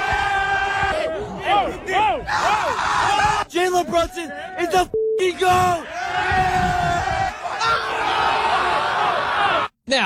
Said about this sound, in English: Listen to these highlights of Knicks fans just going crazy here. Check this out.